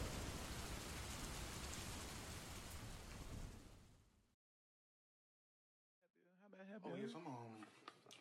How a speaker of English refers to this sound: Rain is picking up. It is. Yeah, it's getting stormy.